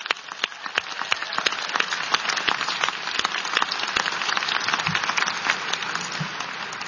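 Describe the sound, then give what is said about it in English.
A crowd at an MSU graduation ceremony applauds the graduates' families, clapping steadily for several seconds, a dense, continuous patter of many hands with sharp individual claps poking through, fairly loud and sustained throughout. “So let's applaud your team up there.”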